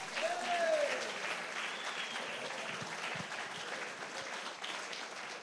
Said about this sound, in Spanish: Gloria a Dios, más fuerte ese aplauso. Algo nuevo viene para Chitagá. Dije que algo nuevo viene para Chitagá. Si alguien lo cree, dele ese fuerte aplauso.